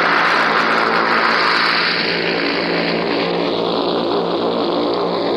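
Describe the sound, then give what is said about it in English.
A loud, continuous roar of propeller engines from paratroop planes circling the aerodrome before taking their course, from a newsreel shown after D-Day; a dense layered drone whose pitch slowly shifts as the aircraft circle, with no voices. “The sky now is full of the noise of these paratroop planes as they circle the aerodrome before they take their course.”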